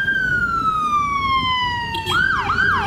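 A loud ambulance siren: one long tone slides slowly downward, then abruptly switches to a fast rising-and-falling yelp over a low rumble of traffic.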